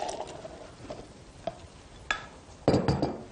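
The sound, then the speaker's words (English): Heated garbanzo beans (chickpeas) for hummus tumble into a blender bullet cup with scattered soft taps and scrapes, ending in a brief louder rattling rush as the rest slide in. No talking. “And I like to have it heated up, so I have them heated up, and we're going to pour them into our blender bullet.”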